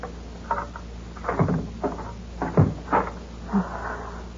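A key rattles and a lock clicks, followed by a door being opened, with a series of short knocks, scrapes and thuds spread unevenly over a few seconds.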